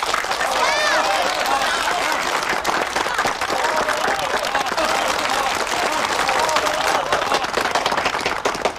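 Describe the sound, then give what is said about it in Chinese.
A large crowd of wedding guests applauds warmly and steadily for several seconds to congratulate a couple about to marry, dense clapping with voices and cheers mixed into the ovation throughout. “一对新人在这个明媚的夏天即将喜结连理，让我们以热烈的掌声祝贺他们。”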